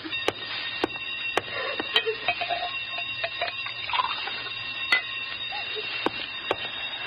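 alarm bell ringing

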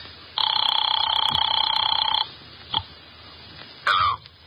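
telephone ringing

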